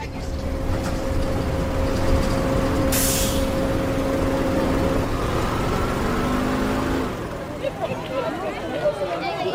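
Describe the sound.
A bus engine rumbles steadily, with one sharp hiss of air brakes early on, as a group rides the bus together after school to a friend's house. The engine then quiets, leaving softer background noise and faint voices.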